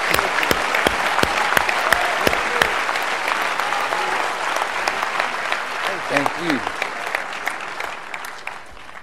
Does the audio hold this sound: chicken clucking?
no